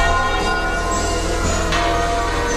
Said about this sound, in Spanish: Coincidiendo con su llegada, han repicado así las campanas de los templos de Madrid.